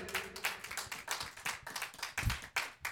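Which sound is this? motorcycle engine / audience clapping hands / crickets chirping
audience clapping hands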